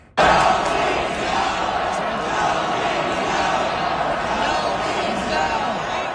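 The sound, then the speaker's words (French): A loud, sustained roar of the Caroline (Carolina) crowd cheering at a sports game yesterday, starting abruptly and holding steady for several seconds as a dense wash of many voices shouting together. “Mais on va vous faire entendre la foule de Caroline oui.”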